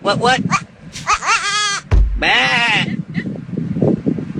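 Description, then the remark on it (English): A real goat bleats loudly in a few wavering, quavering cries, clear, with a voice talking underneath between calls. “It's a real goat, man.”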